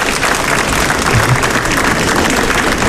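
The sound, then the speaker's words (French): A crowd bursts into sustained applause, dense steady clapping from many hands filling the space at a loud, even level for a few seconds, the audience clapping to show they know the TV show Y Prétend. “Est-ce qui ça, par applaudissement, il connaît l'émission Y Prétend?”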